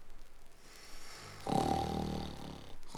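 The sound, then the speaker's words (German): Two sleepers lying beside their treasure chest snore; a loud, rumbling snore swells up after a quiet moment, drawn out with a rough, nasal rasp, then trails off before a short breathy start of another. “Und 5 Minuten später dröhnt lautes Schnarchen”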